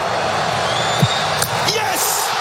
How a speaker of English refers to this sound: Drama at soccer's World Cup. Ismaël Sabari can win the penalty shootout for Morocco with this kick. It came down to that on Fox last night.